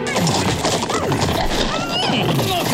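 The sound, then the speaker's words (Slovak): Several horses whinny over a dense, continuous clatter of hooves, like a huge herd of steppe horses milling on the steppe, loud and busy throughout with no clear pauses. “Tu zazrel velikánske stádo stepných koní.”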